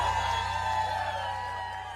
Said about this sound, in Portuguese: Quem gostou, quem tá gostando, bate palma e faz barulho.